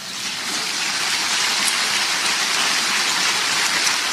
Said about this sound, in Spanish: ¿No le pueden dar un aplauso al Señor?